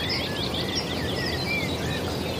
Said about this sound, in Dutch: Dat lachende geluid, dat kek, kek, kek, kek. Ja. En de koekoek. Het heeft wat weg van een dodaars die aan het zingen is.